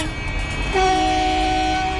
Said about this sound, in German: Von draußen ist zu Beginn der Sitzung lautes Hupen zu hören. Eine Demonstration gegen die geplanten Windkraftanlagen des Unternehmens Ennertrag im Frankfurter Ortsteil Güldendorf.